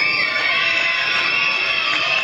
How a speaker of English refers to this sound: Crowd makes some noise.